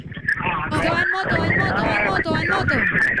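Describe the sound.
Loud, steady roaring wind buffets a caller's phone line to radio station Tropicana from an open car window, nearly burying a voice that keeps talking beneath the rush.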